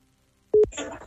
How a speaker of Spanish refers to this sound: Vamos a marcar. A ver. Ahí está marcando.